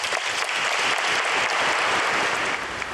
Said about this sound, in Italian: Dunque, l'applauso segna la conclusione dell'omelia di Papa Leone.